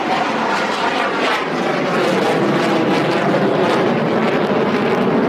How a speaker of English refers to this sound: Hey, right now you can actually hear one of those fighter jets just flying over.